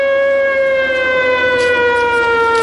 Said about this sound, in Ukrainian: Під час зйомки лунає тривога.